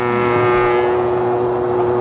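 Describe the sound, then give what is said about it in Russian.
A train's departure horn sounds in one loud, steady blast, holding a single low, buzzy pitch for about two seconds with a rumbling undertone and no voices. “Ой, слышите, отправление дал.”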